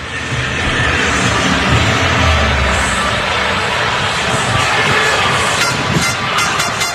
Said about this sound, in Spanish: Bueno, pues este es el sonido ambiente de la Rúa ahora mismo y de esa plaza que está esperando para que podamos disfrutar de lo que va a ser seguro una fiesta absolutamente histórica.